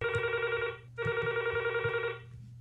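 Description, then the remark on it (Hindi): A telephone rings twice for an incoming call to a phone-in programme, each burst a steady electronic trill lasting under a second, separated by a short gap, fairly loud with a low hum underneath. “हमें आपके फोन्स का है इंतज़ार और कीजिए हमसे ढेर सारी बातें और सुनिए हमारी पसंद के चंद गीत।”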